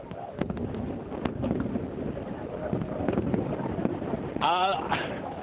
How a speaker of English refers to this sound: I think everyone is just too wowed by the fireworks